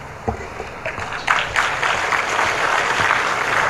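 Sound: audience applause at ceremony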